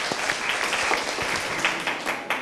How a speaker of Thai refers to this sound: ขอเสียงปรบมือให้กลุ่มที่5หน่อยครับ